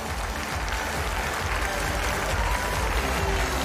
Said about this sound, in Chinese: 大きな拍手で選手に声援をお願いいたします。